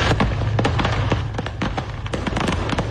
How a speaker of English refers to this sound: This, quite a sight, a pickup truck and a box trailer carrying a load of fireworks, one up in flames and sparkles. Yep. On I-75 North in Tennessee.